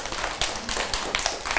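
A small group of children clap together briefly, their claps scattered and uneven rather than in unison, close by and moderately loud, with no one speaking.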